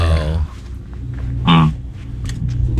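A pig vocalizes: a drawn-out, harmonic squealing grunt opens the moment, then a short, loud call follows, over a steady low rumble of outdoor background noise.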